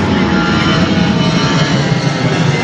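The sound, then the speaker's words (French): A loud, steady roar of an airplane flying overhead, a dense rumbling drone with a hissy upper edge that holds constant throughout, with no voices. “C'est dur les avions, hein.”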